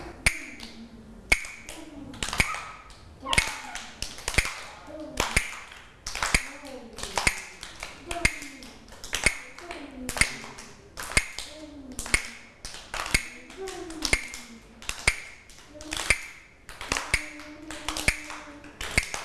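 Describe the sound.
Sharp wooden clacks from a Thai hand clapper (krap), used by a teacher as a rhythm instrument for children, strike in a slow, steady, evenly spaced rhythm, about one per second, crisp, while a woman's voice talks softly between the beats.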